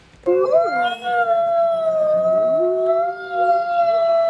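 A pack of wolves howls together, several long overlapping voices rising and sliding in pitch, sustained and steady for a few seconds with no talking.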